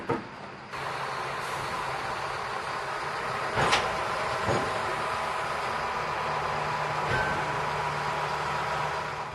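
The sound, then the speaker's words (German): A shunting tractor in a port rumbles steadily while moving railway cars, shunting the train onto the Swedish mainland into the Trelleborg ferry station, its engine droning, with a few sharp metallic clanks and knocks cutting through the noise. No one speaks. “Im Hafen erwartet uns wieder der Rangiertraktor. Er wird den Zug auf das schwedische Festland und in den Fährbahnhof Trelleborg rangieren.”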